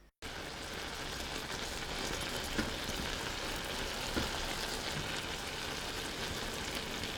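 Apple pieces about 1 cm thick simmer with water and a tablespoon of sugar in a covered pan over low heat, with a steady crackling sizzle and soft bubbling that starts abruptly and continues evenly without pause. No voices are heard.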